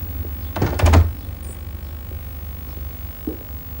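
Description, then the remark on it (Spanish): A woman closes a door; it swings shut with a short rattling clatter and a solid low thud, followed by quiet with a faint background hum. “Ella cierra la puerta.”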